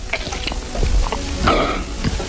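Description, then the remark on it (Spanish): A male guest on a Cadena SER radio show swallows saliva with a wet, gulping sound, surrounded by faint moist mouth clicks and smacks, with a louder throaty gulp partway through. No one speaks. “Tragar saliva. A ver cómo es el sonido de tragar saliva de este hombre.”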